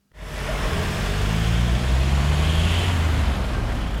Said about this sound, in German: Eine Kreuzung mit viel Verkehr, mehrere Bahnhaltestellen und typisch für diese Stadt etliche Baustellen. So sieht es aus am Weinbrennerplatz in der Südweststadt Karlsruhe.